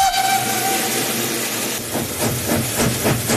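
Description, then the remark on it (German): Loud, steady hissing of steam from a steam locomotive, with a brief whistle tone at the start, then a rhythmic puffing that builds toward the end. No one speaks. “Dafür hätte andere Dampflokke dürfen einspringen.”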